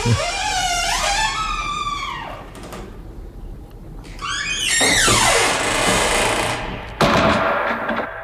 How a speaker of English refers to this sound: Sounds like a door being closed by a wizened hand with long, dirty fingernails. Closed up for another week.